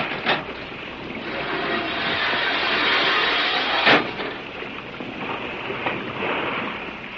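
A boat's bow anchor drops: a long, loud rattling rush of chain running out, with a sharp clank near the start and a heavier thud midway, over sea noise.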